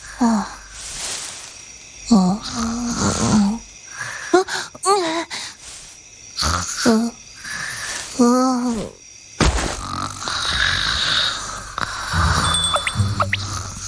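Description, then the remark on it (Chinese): Exaggerated, voiced snoring repeats in a loose rhythm, each drawn-out breath wavering up and down in pitch, with a faint high tinkling running through the background. “这都能睡着？”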